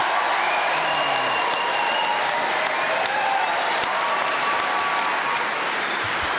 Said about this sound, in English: So that very deserved overwhelming round of applause was because Paul took the subject, kept going without hesitation, repetition or deviation for full 60 seconds.